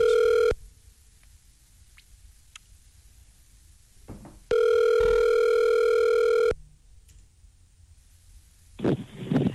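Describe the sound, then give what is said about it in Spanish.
A steady, buzzy telephone line tone sounds briefly, cuts out, then returns for about two seconds as a call is transferred to Claro, followed by quiet line hiss and a short rustling burst. “Llamada transferida a Claro.”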